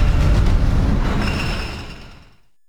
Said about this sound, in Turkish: Efendim, yerli üretimin yenisi bu da. Yerli elektrikli tren İstanbul yolculuğuna çıkıyor. Tren bugünden itibaren artık Uzunköprü Halkalı Uzunköprü güzergahında hizmet vermeye başlayacak.